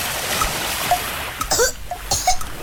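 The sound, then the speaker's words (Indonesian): Water splashes and churns as someone jumps into the sea, against a steady rush of sea noise, with a couple of sharper splashy bursts partway through, moderately loud. “Tuh kan, kamu gak harus jadi paus dulu untuk ngerasain keselek sampah waktu nyebur ke laut.”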